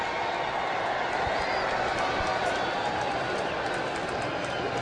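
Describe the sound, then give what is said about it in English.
A baseball stadium crowd cheers as Jackson Holliday comes in to pinch hit for Weston Wilson, in a steady, dense roar that holds at an even level throughout, a broad wash of many voices with no single speaker standing out. “A popular move, according to the crowd here. They love their Jackson Holliday and obviously love the fact that last time we saw him, he had a single and a home run.”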